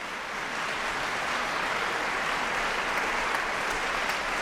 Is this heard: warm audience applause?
yes